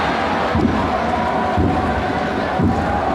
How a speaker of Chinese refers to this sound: 有些球迷都吼出来点球大战，点球大战啊！